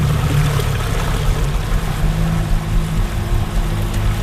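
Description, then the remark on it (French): A boat motors steadily across water to an island in an archipelago that is reachable only by boat, its engine a constant low drone beneath a broad wash of splashing and rushing water, loud throughout with no one speaking. “Puis c'est probablement aussi ce qui rend le festival aussi spécial, c'est de faire le spectacle sur une île qui est juste accessible, évidemment, par bateau.”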